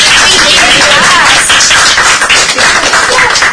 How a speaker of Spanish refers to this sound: Vamos a despedir con un fuerte aplauso.